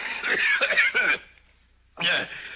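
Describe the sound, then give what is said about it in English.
Several harsh, phlegmy coughs burst out in a quick cluster, followed by a short pause and then another rough cough, from someone who has a cold. “Excuse me, Montresor. I have a cold.”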